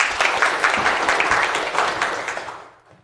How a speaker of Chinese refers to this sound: 那么接下来呢，就请我们资书打理小组代表啊，给我们说一说他们的方案。大家掌声欢迎。